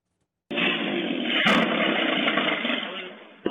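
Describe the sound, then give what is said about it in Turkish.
A motorcycle engine roars steadily and loudly from an abrupt start on Mustafa Kemal Street in Kahta, Adıyaman, Turkey, as the rider loses control and it crashes into a parked car; a harsh, constant drone with a brief bump partway through and a sharp knock just before it ends. “Adıyaman'da kontrolden çıkan bir motosiklet park halindeki otomobile çarptı.”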